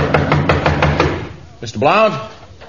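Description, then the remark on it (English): A rapid, steady run of about eight loud, pounding knocks on a door, followed by a short pause and then a man's voice calling out. “Hold your horses, whoever it is. There's no need to break down me blooming door.”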